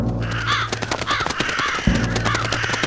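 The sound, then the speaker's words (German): Several crows caw repeatedly in harsh, overlapping calls at a farmyard, over a steady low background rumble with no one speaking. “Seht ihr, wie die Krähen uns wieder beobachten?”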